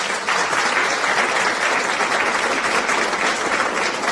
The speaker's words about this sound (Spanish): ¡Aplausos! ¡Aplausos! ¿Dónde están los aplausos? Se me fueron los aplausos.